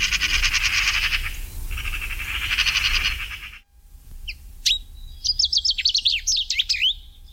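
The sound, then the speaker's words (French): A common chaffinch sings a quick, bright run of descending notes ending in a flourish, clear, after a few seconds of dense, rapid buzzing trill that cuts off abruptly. “Le numéro 13, c'est le pinson des arbres, voilà un oiseau qui était très très très commun autrefois et qui le devient un peu moins maintenant.”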